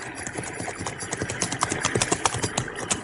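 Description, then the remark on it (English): The hooves of two horses, a sorrel and a jet-black horse, carrying two approaching horsemen at dusk, clop in a quick, steady rhythm of sharp knocks against a faint background hiss, holding at a moderate level with no voices. “I stopped to cross a stream, when from the gathering shadows I saw 2 horsemen approach.”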